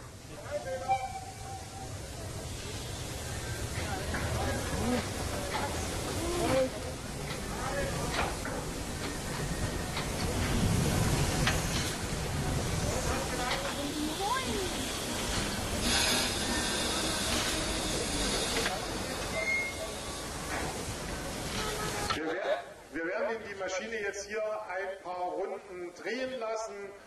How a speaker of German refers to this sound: Und wenn eine Dampflok lange stand, werden diese Ventile bedient, der Zylinder nochmal mit Dampf erhitzt, sodass es dort kein Kondenswasser mehr drin gibt und Schäden am Zylinder vermieden werden.